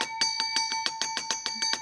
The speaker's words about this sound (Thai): แหมกระดิ่งดังดีเหลือเกินนะคะอาจารย ์มันคึกคักอาจารย์ คึกคักมากเลย